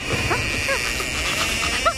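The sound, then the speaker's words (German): A few short, faint dog barks or yelps, as the dog is pinched to make it bark, come through a steady hiss of background noise, spaced irregularly, with the last one slightly louder. “Kneif ihn, damit er bellt.”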